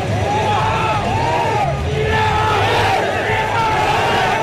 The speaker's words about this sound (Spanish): Ese es el grito, la arenga final de la selección de Marruecos, que parte a esta definición.